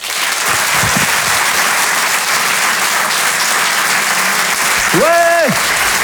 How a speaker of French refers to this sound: Merci de l'applaudir lui aussi très fort. Voici Laurent Barra.